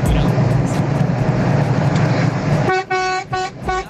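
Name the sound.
car horn honking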